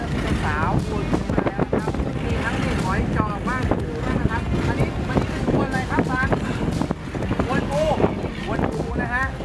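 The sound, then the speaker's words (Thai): Steady, loud wind buffets the microphone over rushing sea waves and a fishing boat's rumble, a continuous blustery roar throughout, with a man's voice talking over it, as the boat goes out in strong monsoon wind and waves to retrieve fishing nets. “คือคลื่นลมเนี่ยมันหนักมากนะครับ3-4 วันที่แล้วเนี่ยออกเรือไม่ได้วันนี้คิดว่าน่าจะเบานะเลยออกมานะครับแต่ก็ยังเจออยู่ดีนะฮะ”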